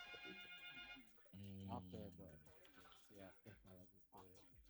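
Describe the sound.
A telephone rings for an incoming call with a steady, bright electronic tone for about a second, then a voice begins speaking while the ringing fades under the talk.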